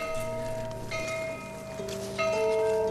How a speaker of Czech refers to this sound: Zvona kapelice također.